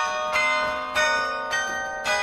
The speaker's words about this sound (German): Seit letztem Winter spielt er das Carillon, also Glockenspiel, in der Kasseler Karlskirche. Immer wenn er keine Schule hat, steigt er hoch hinauf in den Glockenturm.